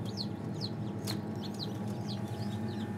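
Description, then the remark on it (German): A chick peeps from inside its egg: a string of thin, high, downward-sliding cheeps, roughly two per second, soft against a steady low mechanical hum. No voices. “Dieses Piepen, was man hört, von hier vorne, das ist das Ei.”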